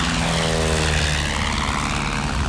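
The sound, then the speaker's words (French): A propeller airplane's engine roars steadily throughout as a mechanic has turned the propeller and the old plane rolls down the runway, gathers speed and leaves the ground, a loud, dense drone with a low buzzing hum underneath and a broad rushing wash. No voices are heard. “Un mécanicien tourne l'hélice. La carlingue vibre. L'état de ferraille roule sur la piste. Il prend de l'élan, il quitte le sol.”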